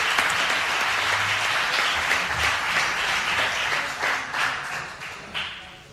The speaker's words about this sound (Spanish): ese aplauso para recuerdo a Manolo Ramírez Calero.